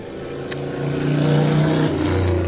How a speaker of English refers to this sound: We have the doors and windows open here, and even though we're up on the 13th floor, we're still going to get a lot of noise from the street below.